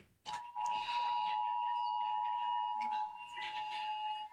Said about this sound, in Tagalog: dahil sa sabayang pag-alarma ng mga telepono.